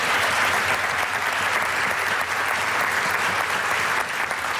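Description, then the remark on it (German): A big round of applause from a crowd for a Low German (Plattdeutsch) language group, steady and loud throughout, with dense overlapping clapping and no pauses. “Das ist nur der große Applaus für die Token von der plattdütschen Sprache.”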